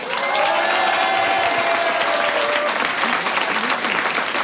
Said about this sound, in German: Und jetzt würde ich sagen, lassen wir es gleich losgehen. Wir schicken hier vom Kolsersberg einen riesen Applaus in die große, weite Welt hinaus.